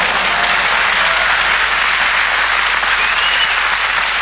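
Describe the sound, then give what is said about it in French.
Sustained, dense applause from a concert audience as the singer returns one last time at the end of the show, a loud steady wash of clapping hands that holds at an even level throughout with no voices standing out. “Alors les gens applaudissaient, ils applaudissaient, les gens.”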